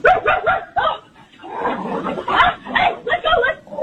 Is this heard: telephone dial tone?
no